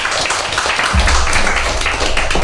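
A group of children clapping together, a dense, steady patter of many hands that stays loud for a couple of seconds without any talking over it.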